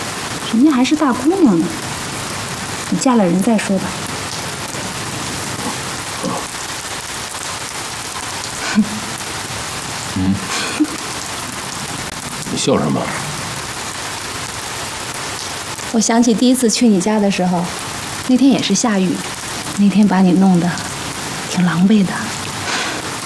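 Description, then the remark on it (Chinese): Steady rain falls throughout, a dense, even hiss that continues without a break. Voices speak intermittently over the downpour, which stays fairly loud the whole time. “我想起第一次去你家的时候，那天也是下雨，那天把你弄得挺狼狈的。”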